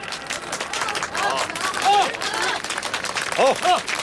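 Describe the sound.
A crowd applauds with dense, steady clapping for about four seconds, while a few voices call out over it in short rising shouts.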